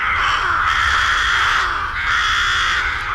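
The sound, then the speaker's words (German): Loud, harsh rook cawing fills the scene, a dense chorus of overlapping calls in two broad swells, with no voices present. “Genau, Saatkrähen.”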